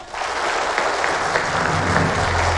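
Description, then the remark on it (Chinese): Steady, dense applause from an audience, a loud wash of many hands clapping continuously throughout, with a low hum emerging underneath toward the end. “我们掌声有请各位。”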